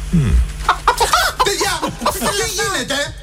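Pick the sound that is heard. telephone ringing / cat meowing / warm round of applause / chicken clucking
chicken clucking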